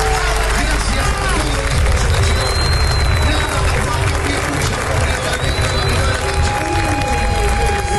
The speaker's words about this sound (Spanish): O torcedor argentino aplaudiu o time assim que o juiz apitou o final de jogo aí em Nova York